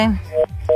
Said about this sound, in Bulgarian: Връзката прекъсна.